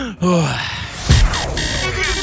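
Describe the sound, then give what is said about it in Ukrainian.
A man breathes deeply to calm himself during the Hit FM morning show 'Happy Ranok': a long, airy inhale and a slow, steady exhale, with a brief voiced murmur at the start and a soft thump partway through. “Я спокій. Я отак, дивись, дихаю.”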